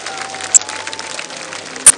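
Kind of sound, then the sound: crowd, audience applause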